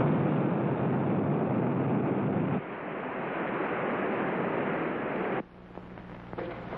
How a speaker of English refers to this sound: The missile's hit the water near the sub.